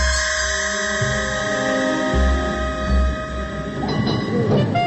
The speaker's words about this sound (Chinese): 电车继续往前开去